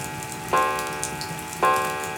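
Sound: pendulum clock ticking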